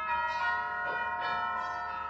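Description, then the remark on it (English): A new set of church bells ringing steadily from the church down the block, their layered, sustained tones overlapping and humming with no voices, moderately loud throughout the short stretch. “McGee, that's the new set of bells in the church down the block.”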